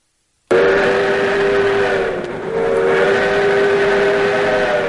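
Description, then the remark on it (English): A restored steam locomotive's whistle blasts loud, holding a long steady tone that briefly dips midway before sounding again, over a low rumble of the running train in a redwood forest. “Hop aboard the Skunk Train's restored steam engine experience.”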